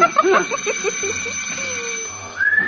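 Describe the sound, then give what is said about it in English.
A short whistle signal from a person announcing their arrival: a steady, slightly sliding low note, then a brief pause and a higher, rising note, with faint murmuring voices at the start. “Oh, that his whistle?”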